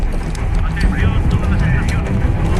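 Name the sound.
helicopter flying overhead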